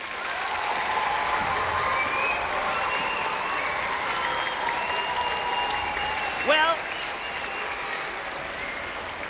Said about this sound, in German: Und das hier, das ist unsere Maschine. Das Münchner Rundfunkorchester. Könnt ihr mir geben einen dicken Applaus?